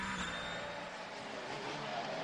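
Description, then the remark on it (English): René Rast's race car engine roars at a fairly steady, loud level as it brakes and then picks up throttle down a hill, with a thin high whine riding over the dense rushing noise. No voices. “Rast brakes, then gets on the throttle as he is down the hill.”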